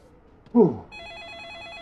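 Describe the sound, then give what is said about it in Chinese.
Early in the morning, a telephone starts ringing with a steady, warbling electronic trill that continues to the end, right after a short loud vocal exclamation. “这一大早谁的电话呀？”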